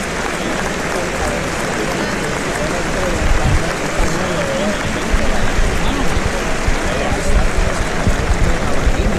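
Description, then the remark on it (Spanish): A bullring crowd at a bullfight applauds Fernando Sánchez's pair of banderillas in a steady, dense wash of clapping that swells slightly midway, with voices talking over it throughout. “¿Cómo está aplaudiendo la gente?”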